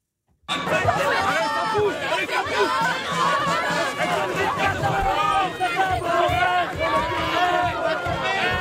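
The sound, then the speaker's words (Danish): A dense, loud crowd of many voices chattering and calling out at once, a continuous babble of shouts and overlapping talk from a large, ongoing street demonstration in France. “Det her, det er lyden fra Frankrig. Store demonstrationer.”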